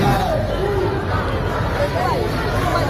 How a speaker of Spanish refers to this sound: Y este sonido de hace unos minutos en la Puerta del Sol, donde seguimos atentos a los enfrentamientos que durante todo el día se están produciendo entre grupos ultras, así que de momento ya dejan 2 detenidos y 1 policía herido.